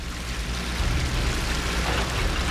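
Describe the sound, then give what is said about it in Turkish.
Water led along a dug channel hisses and boils steadily as it hits a fire, filling a pit like a big pool. It makes a dense, even crackling spray over a low rumble that holds at a constant level throughout, with no voices. “Tısladığını duyabilirsin.”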